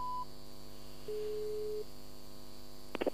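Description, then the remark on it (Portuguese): A steady telephone line tone sounds once for under a second over a constant electrical hum, preceded by a short higher beep and followed by a few quick clicks, as a phone call is cut off. “Porquê é que desligaste o telefone ou caiu a chamada?”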